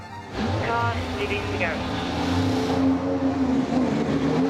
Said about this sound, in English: Firing up, the car is ready to go.